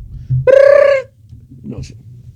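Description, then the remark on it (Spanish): As part of a joke about a drummer, a voice imitates a telephone ringing with one loud, high-pitched, warbling trill lasting about half a second, followed by faint low rumbling and a brief soft noise. “Suena el teléfono.”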